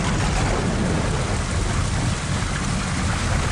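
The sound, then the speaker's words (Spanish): Steady, heavy rain pours down with a deep, continuous rumble of thunder underneath, loud for a few seconds with no voices. “No, esa fue Tormenta.”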